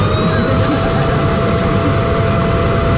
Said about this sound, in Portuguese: E depois o som do barulho do aspirador. No rodapé. Tac! E uma pessoa pensava, ah, calou-se finalmente o aspirador, calou-se. Só que não, era só mudar a ficha.